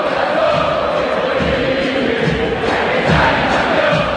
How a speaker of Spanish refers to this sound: Sí, hace rato, yo te diría casi que en el arranque del segundo tiempo están los murmullos de los hinchas de River, y te digo que alguno que se anticipa a salir, porque empieza a llover ahora.